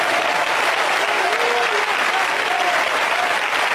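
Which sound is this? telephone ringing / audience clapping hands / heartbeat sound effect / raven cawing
audience clapping hands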